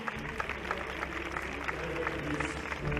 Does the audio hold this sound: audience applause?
yes